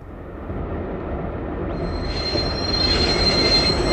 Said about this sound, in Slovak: Vlak.